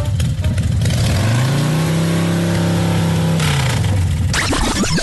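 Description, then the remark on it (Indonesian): A motorcycle engine revs up and holds a steady mid-pitched drone for a few seconds, then drops back as the rider moves the motorcycle away from where it was parked; loud, with no talking over it. “Yelah, aku alihkanlah motosikal aku ni, ha.”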